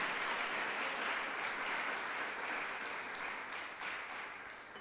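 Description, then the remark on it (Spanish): Sustained applause from a crowd, given for the Lord God: a dense, steady wash of many hands clapping that holds loud for nearly five seconds before easing slightly toward the end, with no voices on top. “Démosle fuerte ese aplauso al Señor nuestro Dios.”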